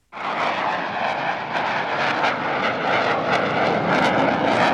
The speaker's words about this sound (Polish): Dla mieszkańców Poznania dźwięk silnika samolotu F-16 nie jest żadnym zaskoczeniem. Maszyny startujące z Krzesin słychać nad miastem od 20 lat.